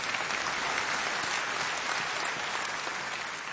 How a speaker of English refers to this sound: You can clap. Come on.